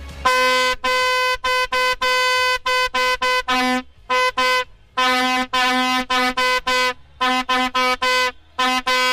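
A vuvuzela blares loudly, a buzzing, brassy drone blown in a string of long and short blasts with brief breaks between them, and no voices, played among a crowd of fans.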